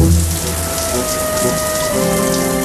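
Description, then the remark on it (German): Shower water runs in a steady, dense hiss as someone showers for a long time, fairly loud, with faint sustained low tones underneath and no voices. “Er duschte. Lange. Unendlich lange.”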